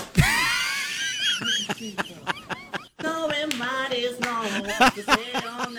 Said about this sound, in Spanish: Y quizás el grito más femenino que has escuchado jamás. El lamento más femenino que has escuchado.